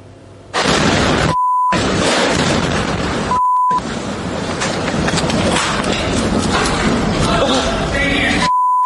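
A powerful missile strike explodes a few tens of meters from pedestrians near a street underpass, roaring with loud, rumbling noise and debris for several seconds, interrupted twice by short, steady electronic bleeps.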